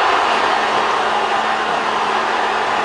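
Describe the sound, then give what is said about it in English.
A large crowd of fans cheers outside the Portugal team's hotel on Bremner Boulevard in Toronto as Ronaldo and teammates wave from the hotel balcony, a steady, loud roar of many voices blending into a continuous wash with no single voice standing out. “Yeah, from Portugal's team social, the sounds of Ronaldo and teammates waving from their hotel balcony, looking down to a sea of people on Bremner Boulevard.”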